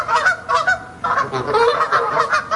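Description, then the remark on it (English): A flock of geese honking loudly and continuously, with overlapping nasal calls repeating in quick, irregular bursts and no voices, from videos of geese that rugby coach Eddie Jones shows his players. “He shows them videos of geese.”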